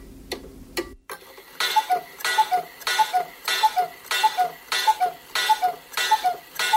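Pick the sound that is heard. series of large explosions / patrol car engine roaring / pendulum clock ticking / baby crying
pendulum clock ticking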